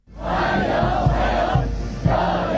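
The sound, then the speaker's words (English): A large crowd in Beijing, China, cheers and shouts steadily as it welcomes Donald Trump on a state visit, waving US and Chinese flags; a dense wall of many voices at a constant loud level with a few louder bursts rising out of the roar. “Donald Trump has arrived to a formal welcome in Beijing, presented with flowers and crowds waving US and Chinese flags.”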